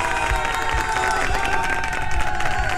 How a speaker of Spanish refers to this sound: ¡Aplausos!